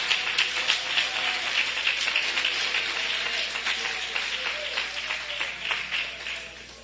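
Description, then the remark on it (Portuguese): An audience claps hands for Jesus, a dense, steady patter of many overlapping claps that continues evenly throughout without any voices standing out. “Se você acredita nisso, pode bater as palmas para Jesus.”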